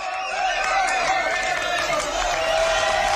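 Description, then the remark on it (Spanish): A dense, steady wash of audience applause after an improv theatre performance by the group Ousadías in Lugo fills the whole stretch at a strong level, many hands clapping together with a murmur of crowd voices mixed in. “Nunca se sabe cómo puede comenzar y cómo se va a desarrollar, pero siempre termina así, con muchos aplausos.”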